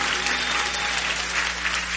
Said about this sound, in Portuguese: As palmas comigo. Lá em cima, assim, bem alegre.